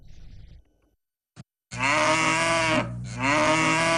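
A few low grunts, a short pause, then a long, loud, harmonic moo from beef cattle, among more than 60 in a pen at a village breeding base in Julongtai, Siziwang Banner, Inner Mongolia, being given feed after autumn rain. The moo dips briefly in the middle before continuing strongly. No one speaks.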